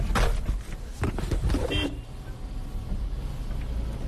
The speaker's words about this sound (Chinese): 我的车跟垃圾车一样。 这是工作的时候开的车。 对，去沙漠的时候开各种东西。坐我车子。